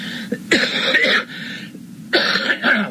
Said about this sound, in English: pardon me. If I cough once in a while, pardon me because it's stuff coming up out of my throat here. I don't mean to cough in the microphone, but you know, I tell you, behind a microphone, so often you forget you're behind the microphone